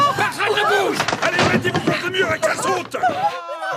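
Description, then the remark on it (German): Police break open the door of a hiding place with several heavy thuds and bangs at irregular moments, nearly buried beneath loud, agitated voices talking over one another. “Hörst du, wie sie die Tür aufbrechen?”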